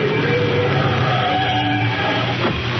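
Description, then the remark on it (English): A car engine drones loudly and steadily as the car drives alongside another car, a continuous rumbling roar with a faint rising whine near the end, and no voices. “They're driving alongside, Shadow.”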